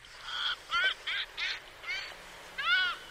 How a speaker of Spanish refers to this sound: contrasta sin duda con la estridencia, algo desafinada, la estáis escuchando, de la gaviota de Adowin. Nombre científico, Ichiaetus adowini. Canta fatal, es verdad, pero es una preciosidad.